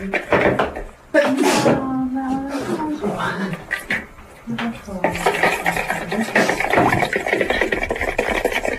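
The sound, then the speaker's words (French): Kitchen clatter as salad is prepared, with utensils scraping and tapping against a bowl in an irregular tossing rhythm, while voices talk over the busy, fairly loud handling. “C'est beau ce son. C'est moi quand je fais la salade, je suis plus musicien.”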